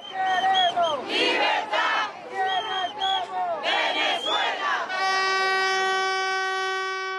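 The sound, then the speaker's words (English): A loud street protest crowd in Venezuela chants and shouts in rising, overlapping voices for about five seconds, then a steady, sustained horn-like tone takes over and holds to the end. “Over the past few months, there's been an explosion of protests in Venezuela.”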